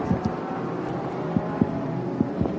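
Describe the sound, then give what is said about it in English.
The engine of the number 44 ARC Bratislava Lamborghini GT4 race car drones on track with a steady, rough roar, punctuated by several low, juddering thumps as it shudders into gear and pulls away, with no voices present. “That's seeing it shudder as it jumps into gear and away it goes.”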